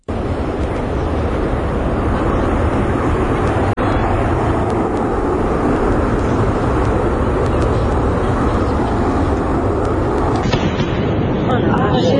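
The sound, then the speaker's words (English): A loud, continuous rumbling roar fills the whole recording: a Concorde passing overhead as it breaks the sound barrier, with the thunderous crack of its sonic boom, steady and heavy from start to finish with no one talking. “Concord breaking sound barrier somewhere.”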